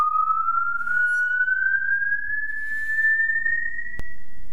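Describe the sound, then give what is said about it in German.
A musical saw, standing in for a singer's voice in an opera, holds one high, pure, singing note that glides slowly upward for several seconds at steady loudness, with a faint click near the end. “Auch im Film wurde die Säge zuweilen als Ersatz für die Stimme eingesetzt.”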